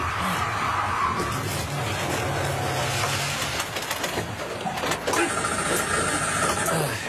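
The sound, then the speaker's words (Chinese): A car engine drones with a low, steady hum on an uphill mountain road, then sputters and stalls partway through, leaving rough rumbling noise, a sharp knock, and faint bird chirps; the car is stuck in a mud pit. “哦吼，熄火了。”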